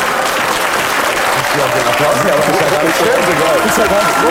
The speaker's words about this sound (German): so viel Applaus gratis kriegt man normalerweise gar nicht, ohne dass man irgendwas tut